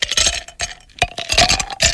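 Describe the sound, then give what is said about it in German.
Ice cubes clink against a glass in a quick, irregular series of bright, ringing taps, fairly loud, with no voices present, on a hot day. “Ein paar Eiswürfel an diesem weiteren Hitzetag können wir sehr gut brauchen.”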